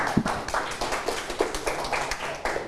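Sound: students clapping hands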